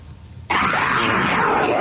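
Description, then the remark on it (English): After a brief quiet moment, a man suddenly lets out a loud, raspy, guttural throat growl that holds steady for over a second, harsh and snarling like an attacking dog. “Oh, I thought he was clearing his throat. Yeah, well, it sounded a little bit like... sounded almost like a dog attack.”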